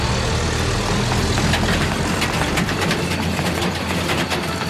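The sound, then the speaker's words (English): A loud, rumbling truck engine roars to life and runs steadily, heavy low growl with rattling clatter on top, continuous for the whole stretch with no voices; a mission truck carrying a small rescue team along a bumpy road. “They all climbed in, the engine roared to life, and soon the little rescue team was bouncing this way and that as the truck made its way along the bumpy road.”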